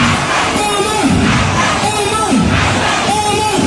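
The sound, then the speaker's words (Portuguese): A large crowd of Somali fans celebrates referee Albeta, cheering and shouting in a loud, unbroken roar, with rising yells swelling up in repeated waves about once a second. “Albeta, que foi considerado o melhor árbitro da África, geral, e aí a turma da Somália fez uma festa, porque ele não vai participar da Copa do Mundo.”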